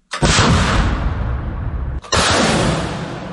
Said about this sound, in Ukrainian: Уточнення координат, коригування та карандаші. Саме так ракети від партизана називають захисники, летять по окупантах.